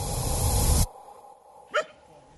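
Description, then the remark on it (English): A loud outdoor rush cuts off abruptly, and after a short quiet gap a single dog bark rings out once, clear, as a group of men and women train their dogs on a green field at the edge of the city of Gulu in northern Uganda. “On a green field at the edge of the city of Gulu in the north of Uganda, a group of men and women are training their dogs.”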